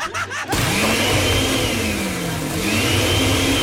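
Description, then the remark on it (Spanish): A kitchen blender at home switches on after a brief moment and roars loudly and steadily, its motor whine rising and dipping slightly in pitch as it keeps running. “No, nada más preguntaba, oye, ¿serás tan amable de por favor prender la licuadora?”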